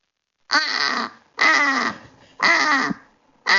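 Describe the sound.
A person imitates a British crow with four loud, harsh, raspy caws, each about half a second long, evenly spaced with short pauses between them, with no other talking.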